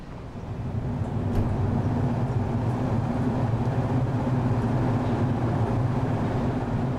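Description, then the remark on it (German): A train pulls away from a station with a steady, droning rumble and a low engine hum that swells in at the start and holds loud, with no voices. “Ich glaube, als dann so der Zug weit gefahren ist, war es dann doch kurz, dass man so Tränen in den Augen hatte.”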